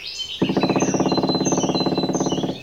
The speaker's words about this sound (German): Der Buntspecht trommelt. Sein Federkleid ist schwarz-weiß-rot, deshalb kann man ihn gut erkennen. Er krallt sich am Baumstamm fest und trommelt mit seinem spitzen Schnabel gegen die Rinde.